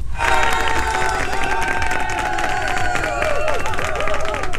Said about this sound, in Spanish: y una fuerte, fuerte ovación, un fuerte aplauso para nuestra hinchada que en este momento está enfrentándose y dándolo todo en la cancha.